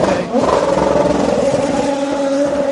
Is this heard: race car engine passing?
yes